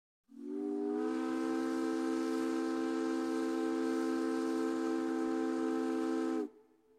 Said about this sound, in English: Did you know that Puget Sound ferry captains once navigated in the fog using echoes from their steam whistles?